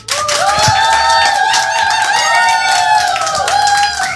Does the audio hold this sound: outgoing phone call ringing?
no